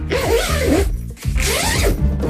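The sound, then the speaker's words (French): A suitcase zipper is pulled in two long, loud, raspy strokes separated by a brief pause, with no voices. “Bravo, c'était bien une valise, le Kezacho.”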